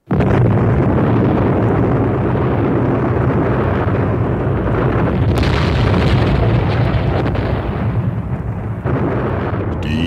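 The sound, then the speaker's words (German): A massive bomb explosion with the force of trillions of megatons erupts abruptly and then rumbles on as a dense, roaring wall of sound for about ten seconds, loud, with crackling bursts layered through the deep boom. “Explosion peitschte durchs Universum mit der Kraft von Billionen von Megatonnen und löschte alle bekannten Lebensformen aus und ließ nichts zurück, nur Schweigen.”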